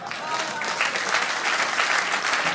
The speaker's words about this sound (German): Frechheit. Klatschen, danke.